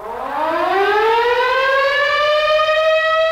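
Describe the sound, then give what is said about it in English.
A rural Kansas town's daily whistle siren winds up from a low growl into a loud, steadily rising wail, its pitch climbing smoothly and then leveling into a sustained, piercing tone with no voices present. “in many Kansas towns, the occasional blast of the daily whistle or siren signals it's time to get up, have lunch, go back to work, or eat supper.”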